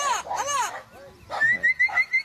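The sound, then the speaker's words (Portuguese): A turquoise-fronted amazon parrot gives two loud, harsh, arching squawks, then a run of shorter raspy calls over a thin, high whistling tone. “Que Deus conceda forças para todos que vivem do campo e solta o som do papagaio boiadeiro.”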